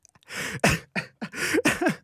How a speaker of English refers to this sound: I'm coughing too. Maybe I'm asthmatic.